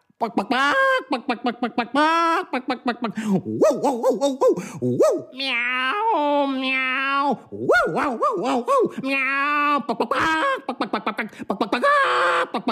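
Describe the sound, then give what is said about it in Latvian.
A person imitates a dog's bark with a quick, loud run of yaps, then drawn-out, wavering cat-like meows, followed by more choppy barking, all energetic. “Viņš bija sagriezis purnu ar stikliem, suņu rejas un kaķa ņaudieni.”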